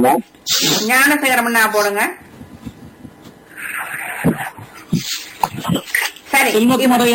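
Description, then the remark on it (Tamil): Someone mimics snoring with their voice, making drawn-out, grunting, snort-like sounds broken up by breathy, hissing exhales. The sounds are fairly loud. “ஒரு தடவை ஏனையில ஓட்ட ஆட்டுக்கு குரட்டை சத்தம் ஏனை சத்தம் போங்க.”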